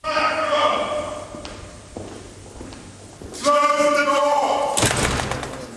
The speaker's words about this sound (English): The whole curious process kicks off with a 350-year-old tradition in which the King's messenger, known as the Black Rod, has the door of Parliament slammed in his face and has to knock to be let in.